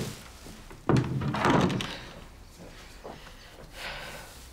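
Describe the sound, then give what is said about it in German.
A door is pushed shut with a single dull thud, followed by a short stretch of shuffling and rustling movement. “Und mach die Tür zu.”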